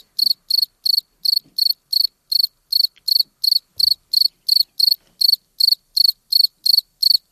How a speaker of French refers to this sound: 23 plus 5, ça fait 28. Voilà, quand le grillon a été enregistré, il faisait 28 degrés. Pas de doute, on est bien en été.